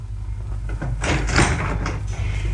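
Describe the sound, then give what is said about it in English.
A front door is opened with a brief clatter and rattle of the latch and handle, followed by a soft scraping swing, heard alone over a low background hum. “He's got his own front door key.”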